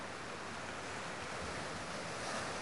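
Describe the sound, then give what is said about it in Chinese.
Steady ocean surf and wind at sea, out on a sailing team's sailboat, fill the scene with a broad, continuous wash of noise, fairly loud, with no voices and no distinct breaks. “我就是想来这大海上看一看。”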